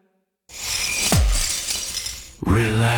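Glass abruptly cracks and shatters loudly, a sharp crunch followed by about two seconds of scattering, tinkling debris before a voice begins at the end, in an advert for Rock Talk Auto Glass.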